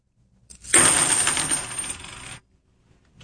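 Fifty 90% silver half dollar coins pour onto a table in a bright, jangling clatter lasting nearly two seconds, many small metallic clinks overlapping as they strike the surface and each other, fairly loud.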